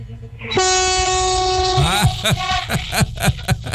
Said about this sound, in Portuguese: Deu uma buzinada ao vivo aí.